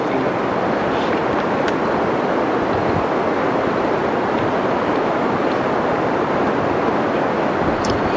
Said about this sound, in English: So, this is right. This is in the northern part of Washington State. This is the old growth forest in the Elwha Valley.